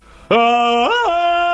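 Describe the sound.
A person imitates a monkey with a single loud, sustained hooting call that swoops up in pitch midway and then settles lower, with no talking.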